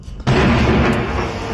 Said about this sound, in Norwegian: Nå smeller det. Veldig. Kanskje. Det tid å trekke seg litt unna. For å få en vegg eller to imellom.